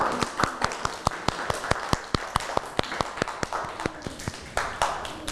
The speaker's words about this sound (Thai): วันนี้เด็กๆทุกคนยอดเยี่ยมมากเลยปรบมือให้ตัวเองหน่อยค่ะ